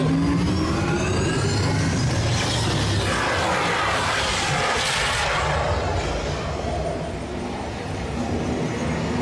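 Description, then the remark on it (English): A simulated car's engine revs hard and climbs in pitch as it drives over rough terrain during an off-road and extreme weather test sequence, loud throughout, with gritty crunching and rattling mixed under the steady roar. “Commencing sim car off-road and extreme weather sequence.”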